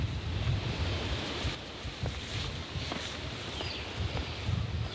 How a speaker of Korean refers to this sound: 와, 지금 점점 내려갈수록 이제 폭포 소리가 거대해지고 있습니다. 숲 곳곳엔 크고 작은 폭포들이 숨겨져 있는데요.